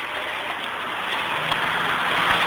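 A steady, continuous wash of road traffic noise, a broad rushing hum that holds an even level throughout with no distinct vehicles standing out and no voices.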